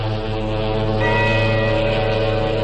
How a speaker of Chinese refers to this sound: 外滩海关大楼的大钟响了，时针指向12点。